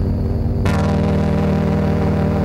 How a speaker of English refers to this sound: I found it quite difficult to be louder than the ventilator. It's hard to hum loud.